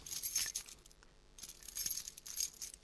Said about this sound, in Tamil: என்னது, சாவி பூட்டில் போக மாட்டேன்னு? பார்த்துமா, பதட்டப்படாமல் தரமா. என்னங்க, இது நம்ம பூட்டே இல்லைங்க.